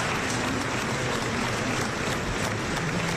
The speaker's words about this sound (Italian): Alle 3 del pomeriggio arriva il carro funebre davanti alla Basilica di Sant'Ambrogio a Milano. L'applauso per Don Antonio Mazzi. Fuori e dentro la chiesa c'è gente che ha atteso ore sotto al sole per esserci.